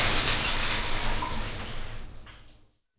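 Shower water runs in a loud, steady hiss, then tapers off and cuts out just before the end, leaving silence. No one speaks.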